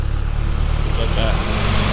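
A tractor engine rumbles steadily on the village road in Tiistenjoki, a deep throbbing diesel drone with layered low hum that swells slightly louder toward the end as it moves past.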